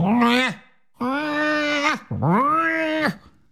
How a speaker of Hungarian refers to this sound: Az asszony újra buzdítóan mosolygott a papagájra, és beszélt hozzá. Hogy vagy, kis aranyom? Miért haragszol? A bácsi nem bánt. Az állat, pardon, madár újra rikoltott.